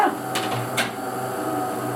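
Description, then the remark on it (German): In a kitchen in Alschwil near Basel, a coffee machine starts up: two quick clicks in the first second, then a steady mechanical whirr and hum with a low drone that runs evenly to the end. “Sie setzt die Kaffeemaschine in Gang.”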